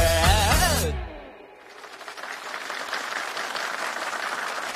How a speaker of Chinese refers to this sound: 来宾请掌声鼓励。这掌声不是我加上去的，是他歌里面自带的。如果你看 MV 的话，屏幕上会打上这一句，来宾请掌声鼓励。